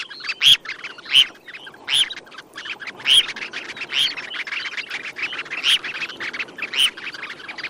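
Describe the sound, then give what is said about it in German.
A red phalarope gives a series of short, sharp chirping calls, roughly one every second or so, clear over a soft background of rustling and other faint bird sounds. “Da hat das Thorshühnchen gezwitschert im Vogel der Woche”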